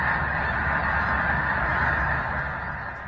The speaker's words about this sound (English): And another picture from Big Lake State Park had me rubbing my eyes, and it has what looks like thousands of snow geese.